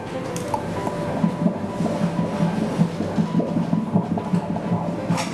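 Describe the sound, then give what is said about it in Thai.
A rapid, steady whooshing pulse of a fetal heartbeat picked up by an ultrasound doppler during a doctor's scan of a pregnant mother, beating quickly and evenly at a normal rate, about twice as fast as an adult's, over a low, muffled background hum. “อันนี้เป็นเสียงหัวใจเด็กนะคุณแม่หัวใจเด็กจะเต้นเร็วกว่าผู้ใหญ่2เท่าเพราะฉะนั้นจังหวะที่ได้ยินนี่คืออัตราปกติ”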